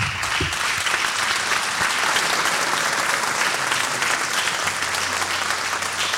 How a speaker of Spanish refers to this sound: Un fuerte aplauso para el señor César Monzón.